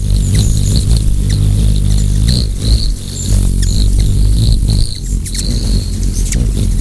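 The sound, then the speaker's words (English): A steady, loud low-pitched hum of hummingbird wings flapping at over 200 times per second, buzzing continuously, with thin high chirps and faint clicks scattered over it and no talking. “They flap their wings at over 200 times per second, and even spin them in a circle, just like a helicopter.”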